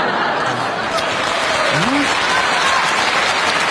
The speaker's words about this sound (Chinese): 啊，这弦外之音就是啊，您鼓掌就好，不鼓掌不好，没来现场的更不好了。